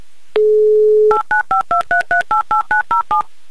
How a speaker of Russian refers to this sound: Итак, набирая ваш номер телефона.